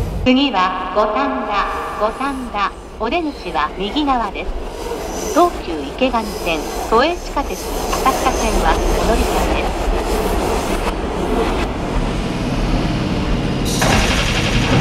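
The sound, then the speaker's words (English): A pink line subway train to Glenmont rumbles steadily along the rails, with rhythmic clacking, metallic squeals and a rising roar as it speeds up. Muffled voices sound faintly beneath the noise. “This is a pink line train to Glenmont. Next station is Warden, Warden Station.”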